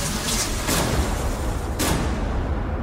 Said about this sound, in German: Das Flugzeug explodiert gleich! Das ist kein Witz! Das ist kein Witz!